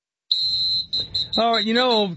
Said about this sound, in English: This whistling thing.